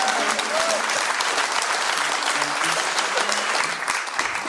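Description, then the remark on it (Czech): A crowd claps steadily and loudly for several seconds for a band's musicians after they are introduced, a dense wash of hand claps with a few faint cheers mixed in, no break in the applause. “Prosím, velký potlesky pro ně.”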